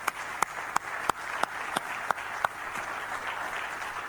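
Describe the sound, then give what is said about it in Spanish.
A crowd at a speech applauds young students steadily from start to finish, a dense wash of clapping with a few sharper, louder claps popping out at a fairly regular beat. No one speaks. “Un aplauso para ellos.”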